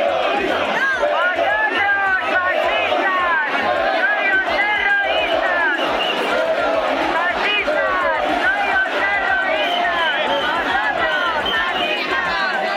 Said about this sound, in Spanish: Tensión con un grupo específico de manifestantes que gritó e intentó agredir a los compañeros de Radio Televisión Española y a un cámara. El sonido es de un vídeo publicado por El Faradio.